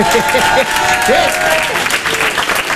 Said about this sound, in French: D'ailleurs, s'il y en a qui ont connu un peu cette période des années 90, qui ont grandi dans les années 90, foutez le bordel un peu, applaudissez qu'on vous entende.